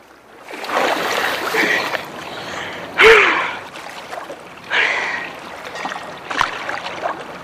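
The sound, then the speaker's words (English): Water sloshes and splashes in several broad, rushing bursts as a woman swims breaststroke in the sea, with a sharp intake of breath partway through and a steady watery hiss between strokes. “In the glistening sea, … breaststrokes before sticking her legs straight up and sinking underwater”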